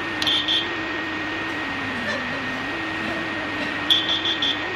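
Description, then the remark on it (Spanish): A pito cóndor whistle gives high, thin whistles like a person whistling: a brief double note at the start, then a quick run of repeated chirps near the end, over a steady low hum. “Ah, bueno, pasa que por la cámara el sonido no acaba de ser el parecido al silbato humano.”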